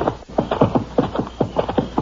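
A horse's hooves clip-clop in a steady, quick rhythm, fairly loud, with about a dozen evenly spaced hoofbeats and no voices over them.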